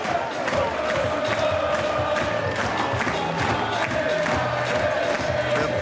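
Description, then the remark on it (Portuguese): A large crowd of FC Porto supporters in Viseu sings a chant together after their team's win over Académico, with rhythmic clapping cutting through at a steady beat; the dense, loud roar of voices holds throughout without a break. “A cantar, a bater palmas, é o que fazem também os jogadores do Futebol Clube do Porto.”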